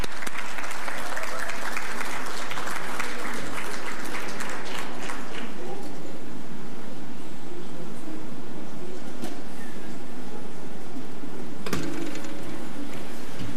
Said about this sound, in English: And again, a round of applause for the winners and nominees.